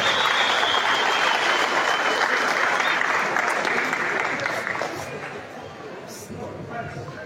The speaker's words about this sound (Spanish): Recibamos con un voto de aplauso, por favor, desde el público de Huancabamba.